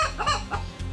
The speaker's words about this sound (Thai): และนั่นก็คือเสียงไก่ขัน